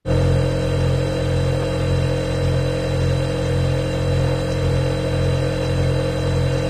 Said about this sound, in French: Le réfrigérateur. Et aujourd'hui, on va même vous parler du réfrigérateur américain ou frigo américain. Vous savez, le réfrigérateur américain, c'est énorme. D'un côté, vous avez un frigo. À côté, vous avez un gros congélateur.